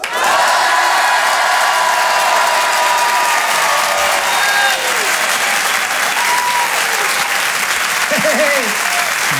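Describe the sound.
An audience, cued on a count of three to shout while being filmed for a video, erupts in loud, sustained applause mixed with shouts and cheers, with individual voices yelling over the clapping throughout.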